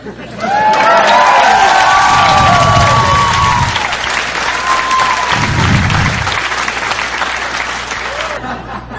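A crowd breaks into loud, sustained applause with whoops and cheers rising over the clapping, holding steady for several seconds before gradually tapering off.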